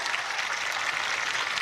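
Steady applause from a crowd, a dense, even wash of many hands clapping together at full strength with no voices over it.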